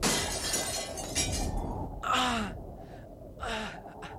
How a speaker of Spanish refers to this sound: Pronto, el viento azotó la contraventana que acababan de abrir, lanzándola contra los cristales de la ventana